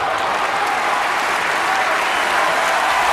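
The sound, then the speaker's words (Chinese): Tennis fans cheer and applaud Novak Djokovic after he wins a 17-shot rally in the third set, a dense, steady roar of clapping that stays loud and unbroken for about three seconds, with no speech over it. “第三盘，在拿下长达17拍的相持后，德约科维奇兴奋地迎接现场球迷的欢呼。”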